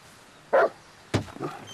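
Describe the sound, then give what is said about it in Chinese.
A large wolfdog kept in a yard barks twice, a short harmonic woof followed about half a second later by a sharper, louder bark with a trailing growl. “哎呀，可不是嘛，这我平时都不敢来，就怕他院里那条大狼狗。”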